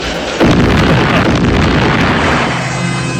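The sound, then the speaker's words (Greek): A steam boiler explosion, after its stuck valves would not open and the steam could not escape, bursts in suddenly after a brief low murmur, then a loud, broad roar of rumble and hiss carries on for several seconds, easing off only slightly. “Τα λατήρια κόλλησαν, δεν ανοίγουν. Ο ατμός δεν μπορεί να ξεφύγει.”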